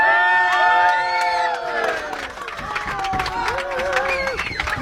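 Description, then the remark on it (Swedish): A crowd of football supporters cheering and chanting loudly on supporter bus number 3 before their club's season-opening match, many overlapping voices with whoops and sustained shouts, plus scattered sharp claps throughout. “Ja, ni hör stämningen här.”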